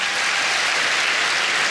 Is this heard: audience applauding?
yes